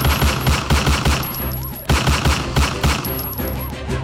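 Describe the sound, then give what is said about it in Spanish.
Rapid bursts of gunfire crack back and forth in a street shootout between would-be robbers and the people they tried to rob, at Carrera 4 Norte and Calle 62 Norte. The shots are loud and densely overlapping with short pauses as two sides exchange fire, sending traders and pedestrians running. “Esto desató un intenso intercambio de disparos que puso a correr a comerciantes y peatones que estaban allí por el lugar.”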